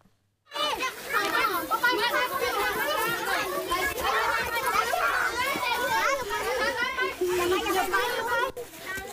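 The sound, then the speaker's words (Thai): A crowd of 84 schoolchildren, kindergarten 2 to grade 6, of Nikhom Sang Ton Eng Prasat 3 school in Surin province near the Thai-Cambodian border, chatters and shouts at once during a bunker shelter drill, a dense, continuous babble of young voices that starts abruptly and stays loud for several seconds. “นี่คุณผู้ชมเปิดเทอมมาไม่ได้เรียนอย่างเดียวนะเด็กๆต้องมาทรงมาซ้อมเข้าบังเกอร์กันแบบนี้ค่ะนี่เป็นการซ้อมของเด็กๆโรงเรียนนิคมสร้างตนเองประสาท3เป็นกิจกรรมที่สร้างขึ้นให้กับนักเรียนนะคะจำนวน84คนตั้งแต่ชั้นอนุบาล2ถึงชั้นป.6”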